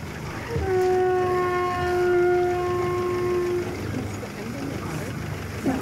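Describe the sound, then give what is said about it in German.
A kelp horn, an uncommon sea instrument likened to a didgeridoo, is blown in one long, steady, reedy note lasting about three seconds, its pitch holding level, over a constant low rumbling background. “Ein Kelphorn, das Didgeridoo des Meeres.”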